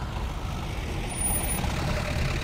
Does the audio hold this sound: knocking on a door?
no